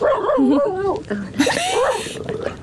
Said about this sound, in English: Literally, just as you've come to me, the dog has started chatting as well, so he definitely wants to be involved.